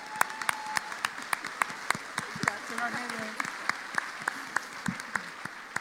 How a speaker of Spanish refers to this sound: Un aplauso al Señor otra vez.